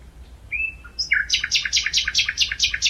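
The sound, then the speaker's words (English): A lone male nightingale sings in the dark at night: a long thin whistled note, then a quick rising flourish and a rapid run of bright, repeated chirping phrases, loud over a faint low hum with no voices. “In the middle of the night, I satisfied my desire and recorded a lone male nightingale singing in the dark.”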